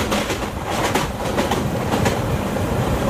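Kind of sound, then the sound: vehicle, train rolling on rails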